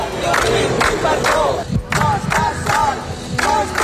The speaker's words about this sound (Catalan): Roger Espanyol ha arribat a les 9 del matí a l'Audiència de Barcelona, on l'esperaven una trentena de persones amb pancartes i crits de suport.